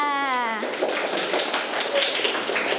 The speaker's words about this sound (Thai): ไปนั่งที่ได้เลยค่ะปรบมือให้เพื่อนลูกปรบมือให้เพื่อนค่ะ